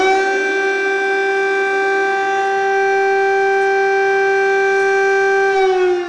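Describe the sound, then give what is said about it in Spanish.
A loud, sustained air raid siren of the kind that sounds at schools during the war following Russia's February 2022 invasion, sending students down to basements, wails on a steady pitch with rich harmonics, holding continuously for several seconds with no voices present. “Esta sirena que vamos a escuchar.”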